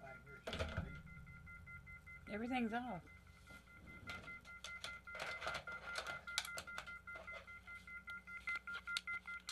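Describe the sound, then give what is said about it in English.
Electronic telephone tones and beeps from a phone line that has not been hung up, with steady tonal bands and repeated short pulses running through, while a man speaks briefly over them. “We got something beeping. Oh, wait a minute. I got... Something's not hanging up.”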